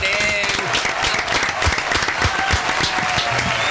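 Steady, dense applause from a sizable audience welcoming arrivals, many hands clapping at once in a continuous loud wash, with faint crowd murmur mixed in and no break over a few seconds.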